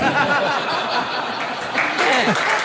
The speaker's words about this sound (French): Et ils applaudissent. Et ils applaudissent.